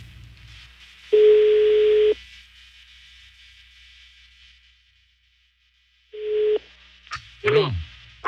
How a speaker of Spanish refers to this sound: Ya está sonando el teléfono de este ruco que debe dinero, pero no contesta.